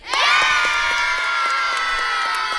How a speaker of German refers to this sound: Es war ja auch ganz schön anstrengend. Vielleicht noch ein abschließender Jubel.